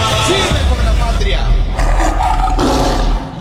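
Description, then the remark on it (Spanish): A loud tiger roar sound effect in a Colombian presidential campaign ad for Abelardo de la Espriella, 'el tigre', rumbles for about three seconds, deep and gravelly, swelling in a couple of surges before cutting off abruptly. “Voy a hacerlos sentir orgullosos de apoyar al tigre.”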